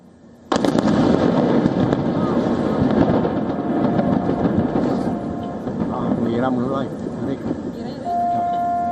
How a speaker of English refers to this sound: The videos from the scene captured the moment of the explosion. There was a massive blast that echoed across the coastline, followed by thick black smoke billowing above the water.